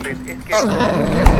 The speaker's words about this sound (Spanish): Es muy temprano para que empieces a ladrar.